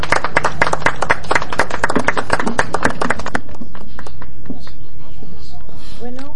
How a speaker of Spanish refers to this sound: y con fuerte y caluroso aplauso, por favor.